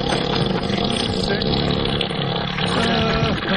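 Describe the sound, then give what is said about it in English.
A long, loud, low rumbling elephant fart, the gas raising the elephant's tail, blaring steadily for several seconds, deep and buzzing like an engine, with no break in the sound. “A little body of water, and when that elephant starts to fart, his tail raises up.”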